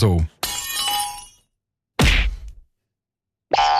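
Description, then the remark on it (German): A comic-style sound effect of the kind written in comics as "Klirr, Knuff und Boing": a loud burst of glass shattering with bright tinkling shards that ring out for about a second, followed by a dull thump and then a short twangy, springy sound. “Das sind alles so Geräusche, die wir aus Comics kennen und ganz typisch für die Comicsprache sind,”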